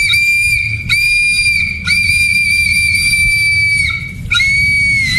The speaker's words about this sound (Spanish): Desde la Ciudad de México, la Choco me trajo mi trompetita